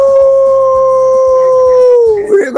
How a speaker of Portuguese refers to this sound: Que isso? Tava parecendo um lobo uivando no final, hein?